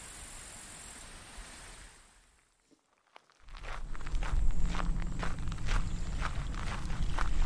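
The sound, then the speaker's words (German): Steady footsteps crunch along outdoors as people walk to a brook to search for tracks, pausing briefly, then continuing as the rush of the flowing brook swells up loud beneath the regular steps. “Lass uns weiter zum Bach gehen und dort nach Spuren suchen.”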